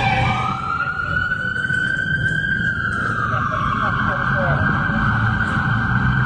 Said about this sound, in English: That might have been a cop car coming that way.